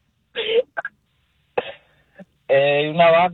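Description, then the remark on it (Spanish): A dog gives a few hoarse, cough-like barks in short bursts separated by pauses, ending with a longer, louder, more tonal bark. Fairly loud, with no talking. “Estaba tosiendo. Es un perro con COVID.”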